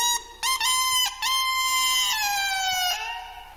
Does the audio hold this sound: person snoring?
no